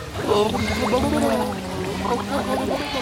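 Bubbles are blown out through the mouth into water while singing, a steady, churning gurgle lasting about three seconds, with a low voiced hum running underneath and fairly even loudness throughout.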